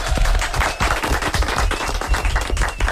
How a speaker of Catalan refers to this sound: Molt bé, un aplaudiment, eh?